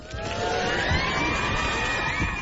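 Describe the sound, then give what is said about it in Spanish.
A short burst of dense crowd applause, steady and fairly loud throughout, with faint whistles or cheers rising above the clapping. “Aplausos para ti.”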